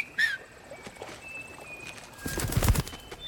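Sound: finger whistle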